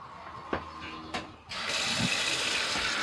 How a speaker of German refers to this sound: Läuft. Das ist ein Gasdurchlauferhitzer. Dadurch haben wir das warme Wasser gleich.